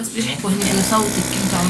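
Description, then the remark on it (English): A vacuum wound dressing machine treating an injured child runs with a steady mechanical hum and hiss, continuous, while a person's voice carries over it. “Amid the sound of a vacuum dressing machine, her mother, a school teacher, encourages the girl to tell us what happened.”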